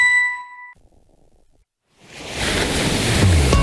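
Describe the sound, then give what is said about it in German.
A bright chime rings out and fades, a moment of near silence follows, then ocean waves wash in as a broad, steady rush that grows louder and fills the end. The sea is the glittering Mediterranean on a mild May evening, with the cruise ship MSC World Europa gliding through it. “Chefin, stell dir vor, ein lauer Maiabend, das Meer glitzert.”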